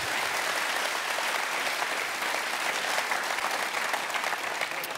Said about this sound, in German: Dankeschön. Ein Klatscher. Das war sehr aufbauend.